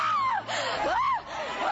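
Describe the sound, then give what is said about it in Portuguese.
A crowd of voices shouts and screams to Jesus together in a loud, continuous roar, with rising and falling wails standing out above the mass of noise. “Grita para Jesus”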